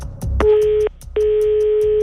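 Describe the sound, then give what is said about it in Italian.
An outgoing phone call's ringing tone as a Radio Kiss Kiss show calls a listener: a steady electronic beep sounds briefly, pauses, then returns and holds, clear over a faint low background rumble, with no one talking. “Attenzione, stiamo per chiamare qualcuno.”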